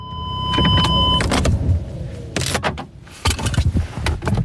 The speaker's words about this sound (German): Über der Lindebene hängen noch tiefe Wolken und es regnet leicht bei knapp 12 Grad, wo ich mit dem Auto auf dem Flugplatz Schennis ankomme.